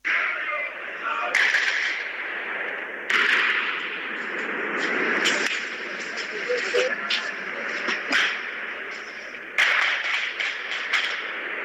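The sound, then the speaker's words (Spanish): Firecrackers and dynamite thrown by protesters at police guarding Plaza Murillo in Bolivia go off in sharp, loud bangs at irregular intervals, five or so, over a steady roar of crowd noise and shouting. “Los ponchos rojos, afiliados a la Central Obrera Boliviana, protagonizaron hechos de violencia, lanzando piedras, petardos y dinamitas a los efectivos policiales quienes custodiaban la Plaza Murillo.”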